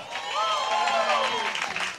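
An audience at a Bible sermon claps and cheers at once, giving applause to the Lord and a shout of joy: a dense, steady wash of applause with overlapping shouts and whoops rising above it, loud and sustained for the whole moment.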